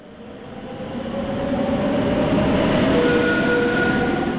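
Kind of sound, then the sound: vehicle, train riding on rails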